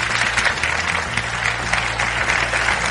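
An audience claps steadily for a guest being introduced at a panel discussion, a dense, sustained wash of applause that stays fairly loud and even for the few seconds heard, with no voices rising above it.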